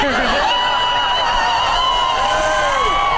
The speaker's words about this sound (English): And then the crowd goes wild.